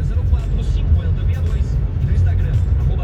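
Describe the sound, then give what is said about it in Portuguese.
Dense road traffic rumbles steadily and loudly at a highway junction in Chapecó in heavy fog, a continuous low roar of engines with vehicles passing, while indistinct voices mix in underneath. “Trânsito intenso nesse momento do trevo de Chapecó.”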